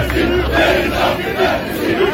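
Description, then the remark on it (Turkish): A large crowd of football fans chants together in the stadium stands, calling for a player who left to be brought back, voices blending into a loud, rhythmic roar. “taraftarı da Müge Anlı Keita'yı buraya getir tezahüratları yaptırdığı bir gündem var”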